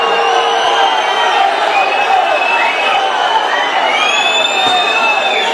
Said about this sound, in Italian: I fischi del pubblico.